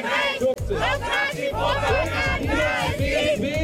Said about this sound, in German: Ein AfD-Politiker, der ist zum Landtagspräsidenten dort gewählt worden. Der heißt Tobias Rausch. Und vor dem Landtag, da haben heute auch schon hunderte Menschen gegen die Wahl protestiert.